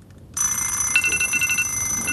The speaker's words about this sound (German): Da klingelten die Wecker der anderen Jungs.